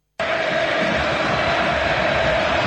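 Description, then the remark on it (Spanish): A huge stadium crowd roars in a loud, sustained ovation, a dense wall of cheering and shouting that starts abruptly and holds steady without pause, as fans at the Nuevo Gasómetro welcome coach Rubén Insúa of Barracas Central. “El primer equipo titular de Russo y una gigante ovación para Rubén Insúa.”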